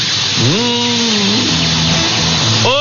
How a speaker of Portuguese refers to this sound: Ó, escuta o cheiro dessa panela de pressão, ó. Escuta o cheiro, ó. Ó, tá, a panela de pressão tá no fogo, ó.